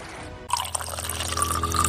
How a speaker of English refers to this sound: It's one of life's simplest comforts, turning on the tap and knowing clean, safe water is there.